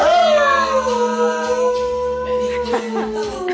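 A dog howls in long, sliding, wavering notes over music playing steadily underneath, its voice loud and close, gradually dropping in pitch.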